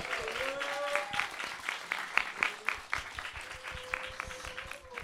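An audience at a radio event claps for several seconds for the presenters of the listening sessions, a steady patter of many hands with a few sharper, louder claps standing out, while faint voices and a brief tonal sound drift underneath.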